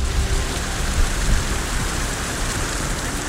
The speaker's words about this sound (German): Heute regnet es immer wieder. Da muss ich aufpassen, dass ich nicht hier gleich am Mikro einschlafe, weil ich diesen Regensound, ich finde das so entspannend. Ich höre das auch manchmal so zum Einschlafen.